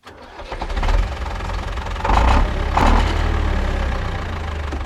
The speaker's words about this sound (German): Das hier ist ein Traktor.